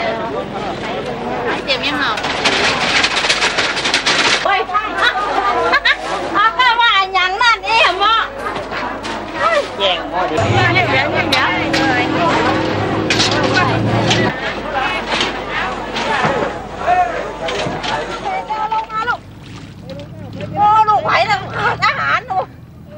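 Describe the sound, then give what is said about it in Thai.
A dense crowd murmurs and chatters continuously, many overlapping voices filling a busy fresh market in central Lampang, Thailand, before dawn, as shoppers buy goods for an annual merit-making festival, with children's voices and the rumble of passing vehicles mixed in. “ก่อนอรุณรุ่งตลาดสดใจกลางเมืองลำปางก็เริ่มแน่นขนาดด้วยผู้คนและสินค้านานาชนิดแต่บรรยากาศในวันนี้ดูจะคึกคักเป็นพิเศษด้วยชาวลำปางตั้งใจจับจ่ายข้าวของมากมายเพื่อเตรียมสำหรับงานบุญประจำปีโดยเฉพาะ”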